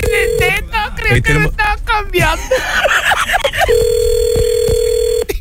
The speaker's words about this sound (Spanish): Es pues el teléfono